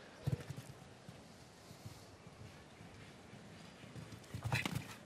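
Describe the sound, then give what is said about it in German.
Horse hooves thud in a few short bursts on a show-jumping course as a horse steps on the white tape of the water ditch, loudest at the start and end, over a steady outdoor wash of wind and background noise. “Zum ersten Mal, in diesem ersten Umlauf, dass ein Pferd auf das Band getreten ist des Wassergrabens.”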